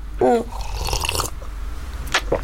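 Someone takes a close, quiet sip of a drink, with soft wet mouth clicks and a faint swallow, followed by another brief slurp near the end.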